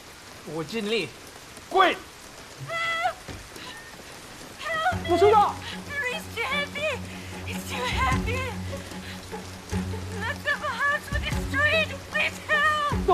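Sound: rain falling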